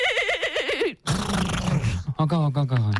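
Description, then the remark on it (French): A person imitates a horse whinny, taking turns in a contest of pony and thoroughbred imitations: a loud, quavering high-pitched neigh lasting about a second, followed by rough, breathy grunting and another strained vocal whinny. “Attends, tu dirais que je suis plutôt double poney ou pur sang ?”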